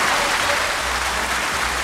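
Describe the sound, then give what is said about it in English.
A steady round of applause, many hands clapping in a dense, even wash of noise that holds at a constant loud level for the whole couple of seconds, with no voices rising above it. “And if your school just was lucky to be on our list, then a round of applause for you right there.”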